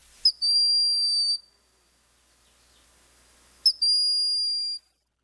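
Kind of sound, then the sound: bird, hawk's plaintive whistling call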